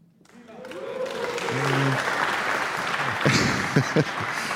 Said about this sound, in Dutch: Ja, dat applaus gaan we zo nog eventjes voor onze volgende solisten laten klinken, hoor.